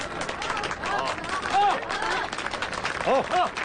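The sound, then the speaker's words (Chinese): A crowd claps steadily in a dense patter of overlapping hand claps, with a few voices calling out over the applause, welcoming a candidate about to give his election campaign speech to the villagers of Liujiawan. “鼓掌欢迎。”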